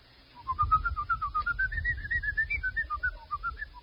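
A person whistles a quick, bouncy melody of short rapid notes rising and falling, with a low rumbling background underneath and no talking.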